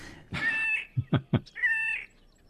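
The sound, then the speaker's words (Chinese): A bird's cat-like song, the kind mostly heard in the breeding season: a drawn-out nasal mew, then three short, low, throaty notes, and a second wavering mew, clear with no talking. “对， 我们来听听它的歌声，好像猫咪耶。”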